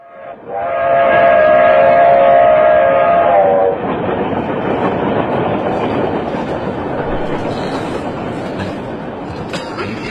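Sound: train running on rails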